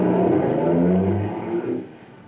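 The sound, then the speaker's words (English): A car engine revs up loudly with a low, rising drone, then the sound drops off and fades as the vehicle pulls away into the darkness. “I watched the car till it was gobbled up by the darkness.”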